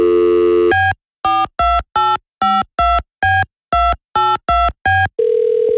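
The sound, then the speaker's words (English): An outgoing phone call to Chocolate Paper, a store in downtown Roanoke: a brief dial tone, then about eleven quick keypad tones in an uneven rhythm, followed by a steady, lower ringing tone that starts at the end. No one speaks. “So we're going to give them a call right now and see exactly what they say.”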